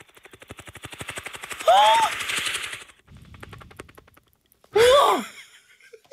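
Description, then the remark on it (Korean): A voice imitates a helicopter, making a rapid, steady chopping pulse for a few seconds, broken by two loud rising-and-falling vocal whooshes, with a softer low rumble between them. “헬기 띄우라. 알았어 빨리 할게요. 신고시처럼 이제 헬기 네. 소리 빨리 낼게요.”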